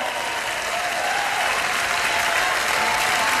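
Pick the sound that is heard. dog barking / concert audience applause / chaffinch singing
concert audience applause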